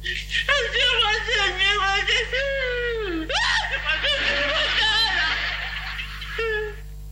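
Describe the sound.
A high-pitched childlike voice, the character Kiko, cries and whimpers in continuous wavering, sobbing wails for several seconds, loud, with breaks between sobs and a faint low hum underneath.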